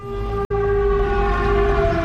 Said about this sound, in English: Back at Dimitro's port, the air raid siren sounds. We head for the nearest bomb shelter, soon joined by port workers all scanning their phones for updates.